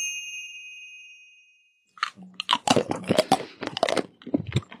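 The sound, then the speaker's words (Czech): A bell-like ding rings out and fades, then loud crunchy chewing of a piece of Belgian chocolate right into the microphone fills the rest with irregular bursts of crackly bites. “Kdo to tady tak hlasitě chroupe do mikrofonu?”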